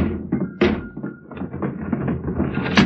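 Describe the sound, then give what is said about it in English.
Several dull wooden thumps and bangs in irregular succession, with a rattling, straining scrape between them as a stuck window is forced. “Banging and straining at a stuck window is a familiar and unpopular exercise.”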